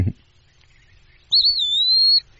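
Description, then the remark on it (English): An Eastern Wood Pewee sings a single clear, slurred whistle lasting under a second, rising then easing down, distinct against a quiet background with a soft thump at the start. “So the Eastern Wood Peewee is kind of cool. I'm kind of pausing just in case he's going to sing here.”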